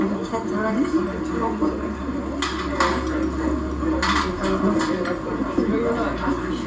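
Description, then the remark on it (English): Two decks of playing cards, one blue-backed and one red-backed, being shuffled by hand at a table, with two quick crisp riffling bursts a second or so apart, over a steady low hum and faint background voices. “There's some dexterous shuffling happening.”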